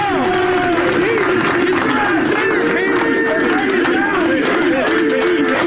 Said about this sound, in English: But I saw something I've never seen before. 25 years in the NFL. Well, this is shoddy, actually. An entire section cheering for one man.